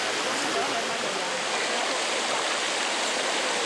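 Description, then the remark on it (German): Water pours steadily into a pool built at Bagni San Filippo, a very old natural spa with hot springs, a continuous rushing and splashing hiss that holds an even loudness throughout with no pauses. “Das sind ja extra so Becken hier angelegt, ne? Wenn man da reingeht. Ist schon verrückt. Ja. Und das Wasser wird dann gespeist.”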